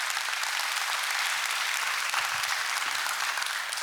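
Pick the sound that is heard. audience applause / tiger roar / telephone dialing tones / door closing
audience applause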